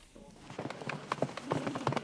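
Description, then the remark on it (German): A foal's hooves trot in a quick, even clip-clop rhythm on a firm surface, moderately loud, with a faint background murmur. This is on the runway where the breeding association Westfälisches Pferdestammbuch films young horses for an online auction. “Das ist quasi der Laufsteg für die Fohlen.”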